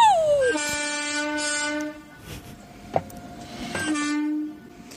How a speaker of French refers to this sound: Alors autant sur au début mon poteau ça dansait, mais alors là mon petit train express à crémaillère qui passe là, ah, ça fait pas l'unanimité.